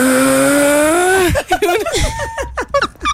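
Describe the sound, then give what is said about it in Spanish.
A voice imitates a loud, rumbling snore like a tractor-trailer truck straining uphill, one droning, slowly rising tone for about a second, then quick chatter and laughter follow. “Una tractomula subiendo por la línea.”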